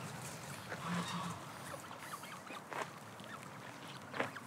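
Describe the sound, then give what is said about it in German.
A few scattered honks from a goose family sound over steady outdoor background noise, with one clearer call early on and sparse, irregular cries after. “Diese Gänsefamilie ist ein Volltreffer.”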